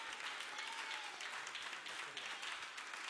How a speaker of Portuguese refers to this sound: E a igreja diz, recebamos o servo do Senhor com palmas para o Senhor Jesus.